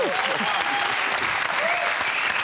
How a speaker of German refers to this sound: Klatschen? Ja.